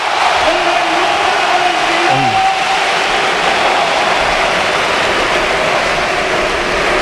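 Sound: stadium crowd ovation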